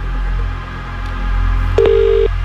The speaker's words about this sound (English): So, it's time to go back to the phone and call somebody else.